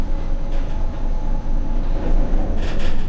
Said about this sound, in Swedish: Hissen sitter på utsidan av huset. Den används flitigt av personal och för material. Den orangea korgen löper upp och ner genom en stålmast som byggs på allt eftersom huset blir högre.